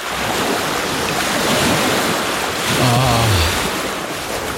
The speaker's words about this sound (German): Ah, ja, das Meer.